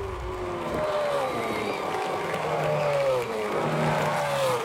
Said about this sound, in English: The Bathurst 1000 is so close. I can almost feel it. The breeze hitting against your face on the top of Mount Panorama. The crowds cheering, cars whizzing past your face. I mean, you can almost hear it, right?